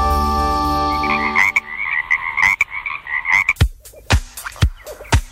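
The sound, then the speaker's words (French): Frogs croak in a warbling, trilling chorus that gives way to a series of sharp, separate, loud croaks, after a brief steady tone at the start. No one speaks. “Le 15 août à Demol, près de Luzilla, sous un chapiteau pouvant recevoir 700 personnes, c'est la fête de la grenouille.”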